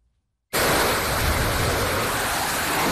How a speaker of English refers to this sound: One fighter jet after another takes off from the USS Abraham Lincoln. Overnight missions amid rising tensions with Iran.